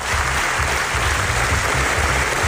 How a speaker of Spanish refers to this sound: Sonora ovación y en pie, así han recibido esta tarde la Mostra de Venecia, NASA, el documental de los periodistas de investigación Yuval Abraham y Rachel Shaw